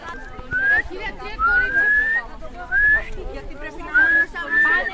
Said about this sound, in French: En fait, je le guide avec le sifflement. Ah. Nouvelle technique.